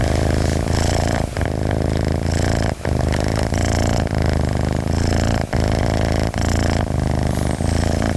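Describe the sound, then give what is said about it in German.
A completely relaxed cat purrs steadily and loudly, with a continuous rumbling drone broken by brief pauses as it breathes in and out. No one speaks. “So, die Katze schnurrt und ist vollkommen entspannt.”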